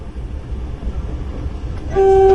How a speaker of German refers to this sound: Er setzte unaufgeregt seinen Schienenweg fort. Das Signalhorn der Diesellok stört ihn offensichtlich überhaupt nicht.